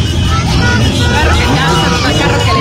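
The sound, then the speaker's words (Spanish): A car rumbles past, a loud, steady low engine and road roar filling the street, with people talking and background crowd chatter mixed underneath. “Ay, ay, ay, carro que pasa, carro que le mueven ese.”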